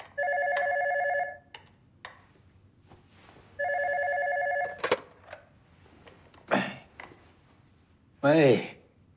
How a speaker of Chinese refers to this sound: 那个门卫刚来的电话。